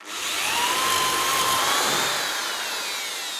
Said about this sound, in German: Jetzt, wo wir alle unsere Werkstücke vorbereitet haben, können wir sie zusammenschrauben. Dafür spannen wir unser Brett mit den Löchern und einen Fuß mit einer Schraubzwinge zusammen, bohren zwei Löcher vor und schrauben sie zusammen.